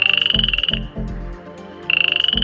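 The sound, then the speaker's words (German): Loud male frogs croaking at a pond on a summer evening: a fast pulsing high trill in two bursts, with deeper throaty croaks overlapping in between, several frogs calling together. “Da sind die Froschmännchen ganz schön laut am Quaken.”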